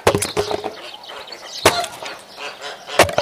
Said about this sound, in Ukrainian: А я тобі казала пилку купити? Казала. А ти знову своєю сокирою до літа будеш ці дрова рубати.